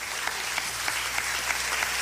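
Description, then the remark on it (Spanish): A crowd claps steadily and enthusiastically as applause for the Lord, the dense applause having a few sharper claps standing out in a loose rhythm, no voices heard. “Cuando la amargura del diablo es sacada, dele fuerte ese aplauso al Señor.”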